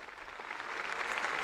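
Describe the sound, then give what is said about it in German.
A large crowd gathered for the Pope at the harbour of Santa Cruz de Tenerife applauds in agreement with the Pope's invitation, a dense wash of many hands clapping that swells slightly louder and steadies, with no voices standing out. “Diese Einladung des Papstes stimmt das versammelte Volk Gottes mit Applaus zu.”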